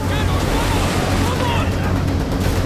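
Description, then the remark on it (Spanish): Greek ships plough through ocean waves toward the flanks of a Persian ship in a naval battle, a steady, loud rush of surging water and wind with a deep low rumble beneath, continuous throughout, and a faint murmur of voices blended into the roar. “Dos barcos griegos navegan hacia los costados de una nave persa.”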